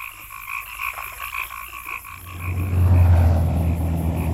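Frogs croak in steady, rhythmic pulses for a couple of seconds, then a loud low rumble swells in and covers them, like a passing vehicle.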